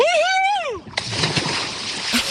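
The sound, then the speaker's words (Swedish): A person yells, then a big splash as the person jumps into a lake in a whole-body dip, followed by a second or two of churning, sloshing water. “Så när du är redo så tar du väl lite plask, tänker jag.”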